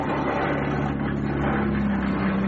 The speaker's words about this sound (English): Hearing the engine's revs increasing for those brief few seconds.